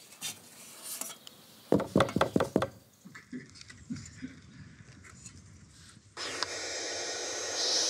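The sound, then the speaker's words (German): A quick run of about six or seven sharp knocks on a wooden bird nest box in the municipality of Stur, loud and evenly spaced, followed by quiet rustling and then a steady, rasping hiss from the well-grown nestlings inside. “Da klopfen wir natürlich auch an, wie üblich.”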